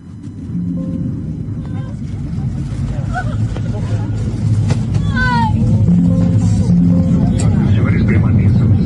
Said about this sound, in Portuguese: A turbina direita, tá aí, ó. A turbina direita, eu falava para vocês, olha aqui, ó. Quer ver? Ó o avião aí pegando fogo, a turbina lá, ó. Lá em Goiânia, ó.